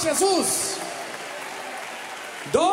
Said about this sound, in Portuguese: Senhora, quem te curou? Jesus! Mais forte, quem te curou? Jesus! Um aplauso para Jesus!